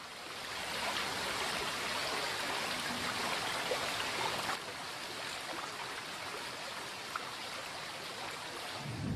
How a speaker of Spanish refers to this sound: cuando la nieve se deshace en arrolladores torrentes.